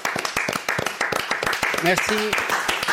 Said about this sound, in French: Si, moi je me lève avec vous. Allez, venez l'applaudir, je vous en supplie.